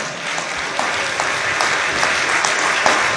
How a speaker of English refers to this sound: If I got parents in here, you ought to say amen and give God a hand clap of praise.